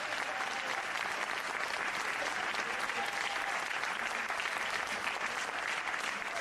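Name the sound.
loud applause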